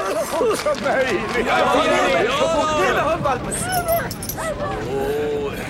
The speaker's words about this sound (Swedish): Titta, där är hundvalpen också!